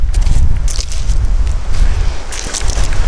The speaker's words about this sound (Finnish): Ja mennäänkin muuten kovassa tuulessa.